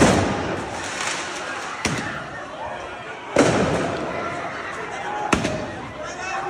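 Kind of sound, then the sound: sound effect, fireworks set off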